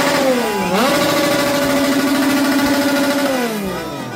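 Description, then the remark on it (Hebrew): Loud, continuous blaring of Mexican football fans' horns: a buzzy, harmonic drone that dips briefly in pitch, holds steady for several seconds, then slides downward and fades slightly at the end. “חברים בבית וברכב, לא להיבהל, לא צופרים לכם, אלו נכון. האוהדים המקסיקנים.”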